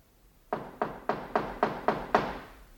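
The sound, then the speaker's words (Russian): Seven firm, evenly spaced knocks on an apartment door in blockaded Leningrad, a steady rapping with a slight resonant thud, alone against a quiet background. “Стучат ко мне.”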